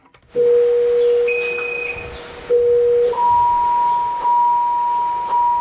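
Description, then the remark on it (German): A patient monitor alarm in the central monitoring station of the Jewish Hospital in Berlin, set off when pulse, blood pressure or blood oxygen is out of range: a long, steady low electronic tone, joined briefly by fainter higher beeps, then a sustained higher-pitched tone with small breaks. No one speaks. “Dann tönt ein Alarm in der Zentrale der Überwachungsstation, wo 4 Schwestern und Pfleger vor Bildschirmen sitzen.”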